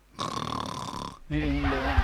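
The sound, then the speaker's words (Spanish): The Metro-Goldwyn-Mayer film studio logo lion roars in two gravelly bursts: a raspy, sustained first growl, a brief pause, then a deeper, louder rumbling roar. “¿Qué pasó con ese rugido? ¿Y esa cuestión qué es lo que es? El león de la Metro Golden Mayer.”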